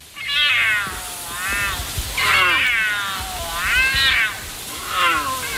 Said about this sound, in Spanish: Nos valía el puma o el cachorro de puma, pero era un puma.